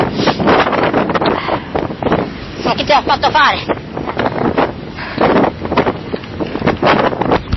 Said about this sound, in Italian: Sentite il vento?